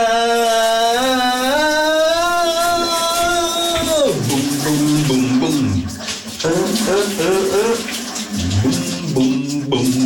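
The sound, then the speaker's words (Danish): A man sings loudly in the shower in his bathroom, with wavering, drawn-out notes over the steady hiss of the running shower, his voice echoing as the water pours continuously underneath. “Vi har direkte linje til … i hans bad.”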